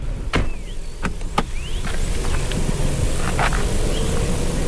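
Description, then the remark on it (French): Steady electrical crackling and hissing from high-voltage power lines at a solar energy storage station in Spain, with a few sharp snapping clicks early on over a constant buzzing, rushing background. No one speaks. “Là, on entend les grésillements que cela provoque.”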